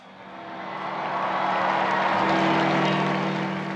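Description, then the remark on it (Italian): A large crowd in St. Peter's Square, as the Pope appears, fills the air with a dense, steady roar of mingled voices that swells gradually louder, with a faint low hum beneath and no single voice standing out. “E stiamo sentendo in sottofondo la folla di Piazza San Pietro ecco, il Papa si è affacciato.”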